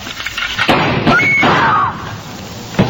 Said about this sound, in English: When Susan snapped the spring lock to open the door, the gun outside opened up.